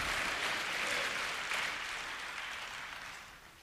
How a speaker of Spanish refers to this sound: Vamos, vamos, vamos, vamos, dele palmas al Señor. Amén.